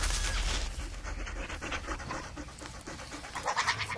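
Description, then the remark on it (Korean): Rapid, breathy panting from a pack of wild dholes fills the scene, a continuous, fairly loud huffing rhythm with no voices over it. “야생 들깨 승냥이 무리죠.”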